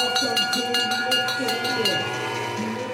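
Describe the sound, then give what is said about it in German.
A hand bell, rung by a 78-year-old to mark the final lap at a stadium in Forst, clangs rapidly about eight times in a steady rhythm, bright and metallic, then its ringing tone lingers and fades, with faint voices murmuring underneath. “Der 78-Jährige läutet seit Jahrzehnten die Schlussrunde ein.”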